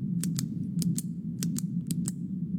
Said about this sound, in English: The old pen clicking.